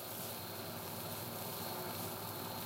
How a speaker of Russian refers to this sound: Вот так включается двигатель.